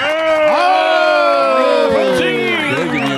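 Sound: audience applause and cheering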